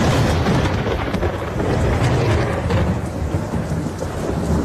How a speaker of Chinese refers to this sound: 不走， 打雷下雨了， 你先去洗澡睡觉。 打雷了，我们一起睡。